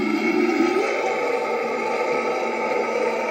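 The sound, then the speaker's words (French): A loud, sustained metal growl vocal as sung in a metal band, a rough, gravelly roar that holds steady for a few seconds with a harsh, noisy texture and no words. “La technique n'est certes pas la même, mais chanter dans un groupe de métal demande aussi beaucoup d'entraînement, surtout pour réaliser le légendaire growl.”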